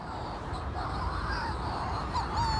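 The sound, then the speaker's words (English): Harsh, croaking calls of Manx shearwaters rise and fall over a dense, steady background of many birds calling at once, like a busy nighttime colony, on mountaintops (one called Trollval) holding one of the world's biggest Manx shearwater colonies. “But the supernatural sounds are actually made by birds. These mountaintops hold one of the world's biggest colonies of Manx shearwaters.”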